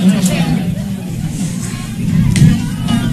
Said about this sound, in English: Heard a lot of people ooh at that one.